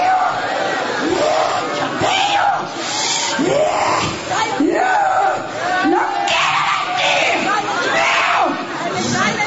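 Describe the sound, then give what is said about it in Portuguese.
A large audience shouts loudly all at once, crying out for Jesus to burn a demon, many voices overlapping in a dense, continuous roar that swells in waves and keeps going for several seconds without a break. “Grita para Jesus queimar ele.”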